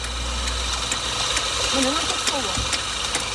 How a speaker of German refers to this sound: malt die ersten Bohnen. Einen festen Stromanschluss hat sie nicht. Trotzdem arbeitet sie mit einer professionellen Espressomaschine. Ein leistungsstarkes Solarpanel auf dem Dach versorgt eine große Batterie, an der die Kaffeemaschine hängt.